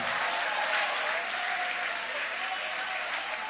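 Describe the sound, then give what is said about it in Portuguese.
A church audience applauds in praise of God, a dense wash of many hands clapping at an even, sustained loudness for several seconds with no voices rising above it. “Você que vive de milagres, você que vive de milagres, aplaude, adora, glorifica.”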